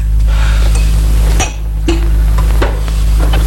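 A few sharp clinks of glass and bottle handling, spaced irregularly over a steady low hum, as cognac is poured into glasses and the glasses are set down.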